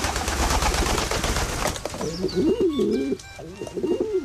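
A burst of rough, noisy rustling gives way to a pigeon cooing: low, throaty, wavering phrases that roll up and down in pitch, repeated several times in a steady rhythm.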